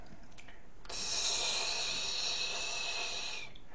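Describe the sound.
A person imitates a snake with one long, steady hiss lasting about two and a half seconds, fairly loud, starting abruptly and fading out at the end.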